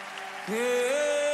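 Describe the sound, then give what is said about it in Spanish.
An audience applauds for the Holy Spirit in a steady, dense patter, while sustained organ-like tones hold and then step upward beneath the clapping. “Dele ese aplauso con libertad al Espíritu Santo de Dios.”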